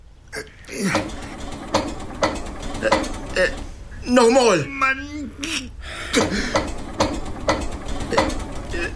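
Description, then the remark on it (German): An engine is cranked repeatedly, a steady run of sharp mechanical clicks and rattles that never catches and starts. A man briefly shouts in frustration partway through. “Also, schall ich nu den Motor ansmieten?”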